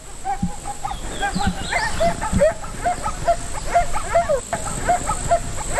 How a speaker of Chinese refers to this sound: 大约有20匹狼，这是一个庞大的狼群。